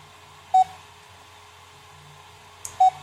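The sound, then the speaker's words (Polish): A text-recognition device gives two short, clear electronic beeps about two seconds apart over a faint low hum, with no one speaking. It is still processing a photographed text, has trouble recognising it, and beeps to show that it is still working. “Pika sobie pika, ma problemy z rozpoznaniem.”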